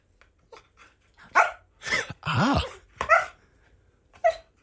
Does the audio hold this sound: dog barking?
yes